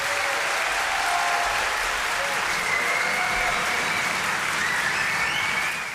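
Sustained, dense applause from an audience after a jazz song, shared by the singer with the drummer, fills the whole stretch: a steady hiss of many hands clapping at an even loudness, with a faint shout or two rising briefly over it.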